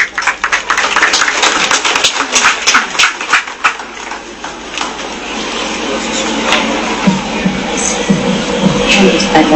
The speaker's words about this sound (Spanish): Regalemos fuertes aplausos para ella.